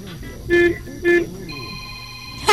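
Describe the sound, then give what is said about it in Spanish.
Two medium-length car horn honks ring out, evenly spaced about half a second apart, over a faint background hum and noise. “Vamos a pedirte, por favor, que nos regales cuatro bocinazos medianitos ahora.”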